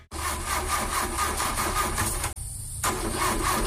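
A car engine cranks over and over with a rapid, rhythmic whirring, stalls briefly, then cranks again without catching. Loud, with no voices.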